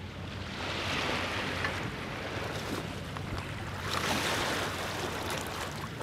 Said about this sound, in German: Heuer hört sich der Bodensee aufgrund des niedrigen Wasserstandes etwas ruhiger an als vielleicht in den vergangenen Jahren.